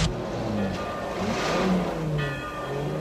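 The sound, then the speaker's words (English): A guard's car engine revs and accelerates as the vehicle pulls onto the road, a steady mid-pitched motor drone rising in pitch, fairly loud, with no voices. “The guard's car pulls onto the road.”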